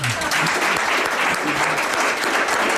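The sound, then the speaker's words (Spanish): A live audience claps steadily throughout, a dense, bright wash of many hands, with faint voices murmuring underneath. “Pero nuestro público de aquí es espontáneo, es libre y sin que les hayamos comprado, ¿verdad? En absoluto. Nos aplaude.”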